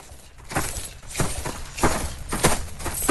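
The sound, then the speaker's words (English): A ridden donkey's hooves clip-clop at a steady walking pace, sharp paired knocks repeating over a faint background hiss, with no voices. “I must put on my old clothes, ride my donkey, and leave this island.”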